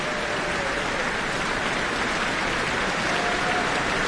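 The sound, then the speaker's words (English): Dense, sustained applause and cheers from a large audience fill the Auckland Town Hall for the Auckland Philharmonia and guest conductor Karl-Heinz Steffens after their performance of Haydn's Symphony No. 97, a steady wash of many hands clapping at once with no voices standing out. “Cheers and applause from the Auckland Town Hall, the guest conductor, Karl-Heinz Steffens, and the Auckland Philharmonia.”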